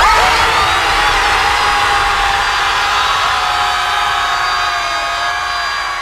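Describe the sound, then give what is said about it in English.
A group of people at an organised screaming event scream together at the sea in one long, loud, sustained collective yell of mixed high-pitched voices that holds steady for several seconds before easing slightly at the end. “Here's everyone screaming at the sea.”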